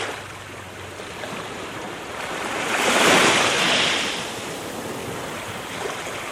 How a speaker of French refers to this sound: Les vagues ont déjà submergé le nid.